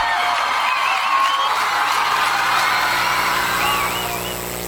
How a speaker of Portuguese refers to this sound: salva de palmas pro embaixador.